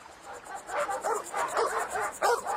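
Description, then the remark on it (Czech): Several dogs bark at a visitor, a melon seller, in quick, overlapping bursts, a steady loud volley of mid-pitched barks with a few higher yips mixed in, and no voices. “Pej si, no tak, zalezte.”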